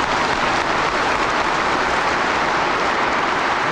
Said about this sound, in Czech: Potlesk a jásot na počest sovětské okupace v roce 1968. Na sjezdu zazní ještě mnohokrát.